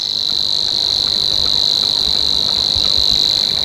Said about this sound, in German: Bei uns gibt es drei davon, nämlich noch den Rohrschwirr, der dann eher das Schilf mag und ein bisschen wärmer klingt, so hier.